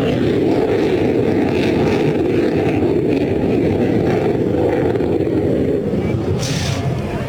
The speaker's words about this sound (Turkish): motor sesinin yankılandığını duyuyorsunuz.